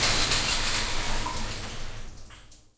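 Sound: shower water running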